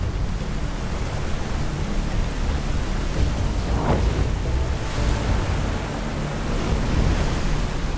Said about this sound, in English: Once we were dropping into the lower parts of the Lampro, that's when things got serious. We got to the confluence, the river doubled up on size. It was just so hard, white water.